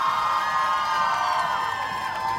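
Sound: crowd cheering and whooping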